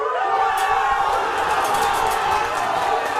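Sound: stadium crowd erupting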